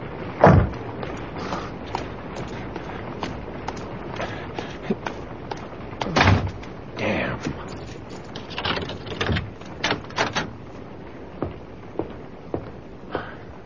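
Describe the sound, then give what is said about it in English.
A door slams hard with a sharp, heavy bang, surrounded by hurried footsteps and scattered thuds, with no one speaking. “You didn't have to slam the door.”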